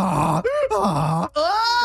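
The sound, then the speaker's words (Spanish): A person imitates a donkey's bray, a loud, strained voice see-sawing between a low groan and a higher honking pitch over several cycles in under two seconds, with no other talking. “That is a really good burro, prima, vale.”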